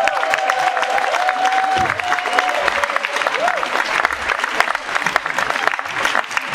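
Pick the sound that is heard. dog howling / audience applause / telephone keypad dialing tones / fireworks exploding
audience applause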